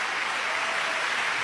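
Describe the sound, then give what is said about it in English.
A large crowd of 10,942 hands applauds steadily in appreciation, with many hands clapping together into a dense, continuous wash of sound that stays loud and even throughout, with no voices. “This is the sound of 10,942 hands showing appreciation.”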